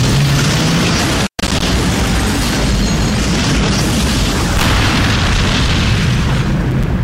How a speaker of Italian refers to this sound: Cazzo è? Un'esplosione atomica.